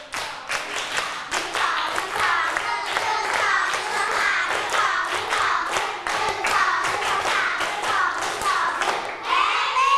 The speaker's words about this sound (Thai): พร้อมฟังนิทานไหมเอ่ยต้นทางและปลายทางถ้าพร้อมฟังนิทานปรบมือ1ชุด